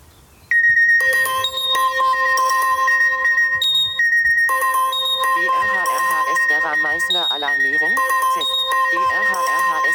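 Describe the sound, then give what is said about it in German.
A loud, piercing electronic alert tone blares continuously from a smartphone, a test of an emergency call-out alarm sent through an alerting app that sounds even when the phone is on silent, with steady high harmonic pitches and a rapidly warbling, sweeping layer partway through, insistent. “Also mein Handy ist immer lautlos gestellt, außer diese Alarmierung über Katwan oder hier über die Vera ist immer mit diesem lauten Signalton.”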